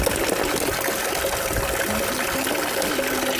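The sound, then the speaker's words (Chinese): Ice-cold, naturally carbonated spring water with a rusty smell pours steadily into a bottle in a continuous splashing rush, with a faint rising tone as the vessel fills. “接喝”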